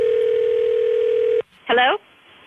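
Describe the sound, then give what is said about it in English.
A steady, loud telephone dial tone hums for over a second, then cuts off abruptly; after a short pause, a brief voice comes through the line as a collect call is placed from overseas to the States. “And let's watch mom go crazy with a collect call from overseas, which could be sort of expensive.”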